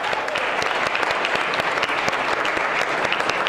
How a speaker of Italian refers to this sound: Beh, allora fate un applauso. Fate un applauso alla bella Sicilia. Trapani.